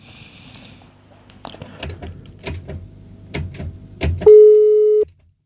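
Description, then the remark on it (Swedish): A run of sharp clicks and knocks on a phone line as a caller's call drops gives way to a loud, steady telephone line tone that holds for under a second, then cuts off abruptly. “Alltså telefonen just nu, linjen är ledig.”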